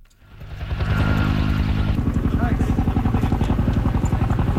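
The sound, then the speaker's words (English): A helicopter dropping water on a wildfire in Greece: its engine builds up quickly and then thunders steadily, its low rotor pulsing in a fast, even rhythm, with a faint voice briefly audible beneath. “In Greece, helicopters dropped water on a blaze that broke out overnight and has grown rapidly.”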